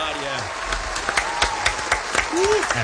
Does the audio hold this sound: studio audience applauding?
yes